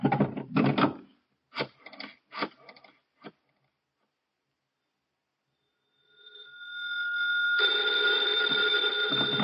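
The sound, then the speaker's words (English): A few quick wooden clatters, then a pause before a telephone starts ringing, its tone swelling into a loud, continuous metallic bell ring that runs to the end. “Hand me the phone.”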